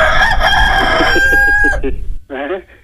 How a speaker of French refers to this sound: Ah ben ça cocoricote tout le temps. Allô. Allô, pas de problème, ça fait cocorico.